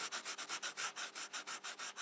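Pencils scratch across paper in quick, steady back-and-forth strokes, about a dozen in two seconds, each a dry, hissy rasp. The sound is soft, with no voices.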